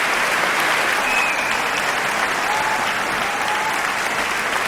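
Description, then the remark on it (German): Sustained applause from a large audience fills a reverberant hall at the Düsseldorf Tonhalle, a dense steady wash of clapping at a constant loud level with a few faint whistles rising above it, for the audience prize winner of the Aeolus wind competition 2026. “Ja, großer Applaus für den Publikumspreisträger.”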